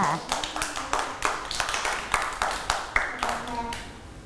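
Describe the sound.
A group of children clap together in a steady, even rhythm, about a dozen crisp claps over a few seconds, with faint voices chiming in underneath.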